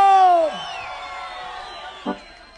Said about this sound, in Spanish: A todos los paisanos guatemaltecos que están chambeando en los Estados Unidos, vamos a mandarles un grito.